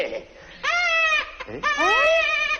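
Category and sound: human body sound, infant crying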